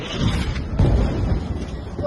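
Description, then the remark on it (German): A deep explosion booms at night in the centre of Gaza City about a second in, its low rumble rolling out over steady background noise, sounding muffled rather than sharp. “Der Schriftsteller schickt zwei Videos, aufgenommen in der Nacht, welche Explosionen im Zentrum von Gaza-Stadt zeigen.”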